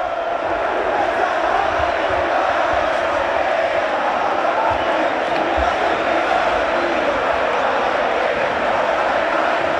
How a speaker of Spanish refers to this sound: Es ensordecedor. La verdad, te eriza la piel. El griterío y la fiesta que los hinchas de Racing y de Boca nos están regalando los presentes aquí,